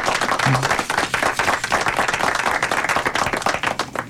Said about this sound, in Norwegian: Får du en felles applaus. Det kan han få.